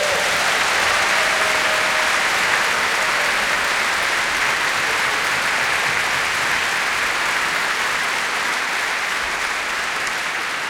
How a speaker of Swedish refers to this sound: vill jag också passa på att tacka alla de som arbetar bakom scen, de som ni aldrig ser, de som gör allt jobbet som gör det möjligt för oss att stå här på scen och spela det vi gör, göra det vi älskar allra mest. Kan inte de få en riktigt stor applåd?